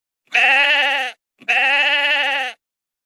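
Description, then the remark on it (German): Two long, wavering, loud sheep bleats, separated by a short pause, with no other sounds around them. “Das war ein Schaf.”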